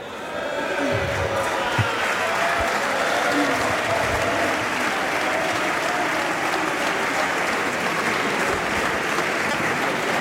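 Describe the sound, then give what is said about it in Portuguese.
Sustained applause from a large group in a parliament chamber, with members of the Chega party also clapping: a dense, steady wash of many hands clapping at once that holds at an even loudness for about ten seconds, with faint voices mixed underneath. “Chega também a bater palmas.”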